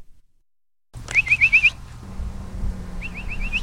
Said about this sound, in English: whistles out the dinner bell for the stray and feral cat colonies she monitors.